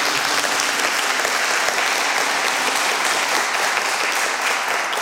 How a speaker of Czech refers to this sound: Krásný večer, vážení a milí, vítejte na Prahu 73. edice hudebního cyklu Zpěvem k srdci zde v koncertním studiu S1 Českého rozhlasu Ostrava. Srdečně vítám všechny a zatleskejme si.